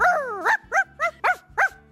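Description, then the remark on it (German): A person imitates a small terrier barking on World Dog Day in Burgenland: one drawn-out yap followed by five quick, sharp barks in a steady rhythm, loud, with no other talking. “Wie würden denn Sie bellen?”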